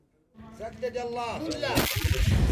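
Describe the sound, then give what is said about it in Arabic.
Artillery cannon fire booms heavily during fierce clashes on the Jabal Han front west of Taiz city, Yemen, starting with a wavering, whining roar and then a deep, loud blast that keeps rumbling, with no voices. “على وقع دوي المدافع تتجدد المواجهات الضارية في جبهة جبل هان غرب مدينة تعز، هنا تخوض قوة الجيش الحكومي معارك عنيفة”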